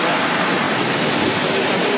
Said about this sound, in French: Ah, on y est là, hein, on est dans l'ambiance. Ça fait du bruit. Exactement, et particulièrement cette année avec beaucoup d'avions présents. Donc on vient de voir passer au-dessus de nos têtes des F-16, des F-18, des Rafales grecs, espagnols